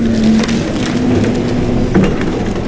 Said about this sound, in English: This is what it sounds like when a destroyed house is loaded into a dump truck.